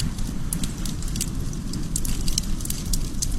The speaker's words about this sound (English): Well, other times, a nice campfire will do.